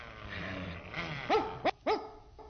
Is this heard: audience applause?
no